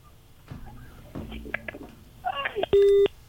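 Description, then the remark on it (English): A loud, steady telephone line tone cuts in for a brief moment near the end, after muffled call-line noise with faint voices in the background, on a Nation FM radio call-in line. “Hi, Mr. Dialton. I think there's something up with our phone.”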